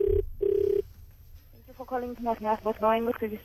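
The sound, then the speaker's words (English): A phone line's ringback tone on an outgoing call, placed to ask census survey questions, sounds as a steady electronic double ring: two short buzzing pulses close together. It then stops and a person starts talking. “Calling.”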